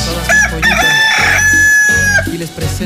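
A rooster crows loudly in San Cristóbal, one long drawn-out cock-a-doodle-doo with a rising then sustained strained call, over a low background rumble.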